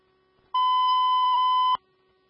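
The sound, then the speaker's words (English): A single steady electronic fire dispatch alert tone for box alarm 14-33 holds for about a second with a bright harmonic ring, then cuts off abruptly, sounding on its own with no talking. “Here's on box alarm 14-33.”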